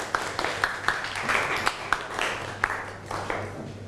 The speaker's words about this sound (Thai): ถ้าไม่มีขอเสียงปรบมือให้กลุ่มที่2อีกรอบนึงครับ